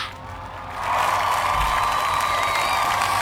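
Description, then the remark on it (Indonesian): A crowd bursts into applause and cheering after a brief quieter moment, the clapping swelling to a loud, steady roar mixed with whoops and shouts that holds to the end. “Kasih tepuk tangan dulu.”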